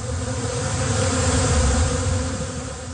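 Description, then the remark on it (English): A dense, steady hum of many bees buzzing together during bee therapy in Lakeshore near Windsor, a continuous low droning swarm sound with no electricity involved, staying loud throughout with no talking. “There's no electricity to it. It's all the bees.”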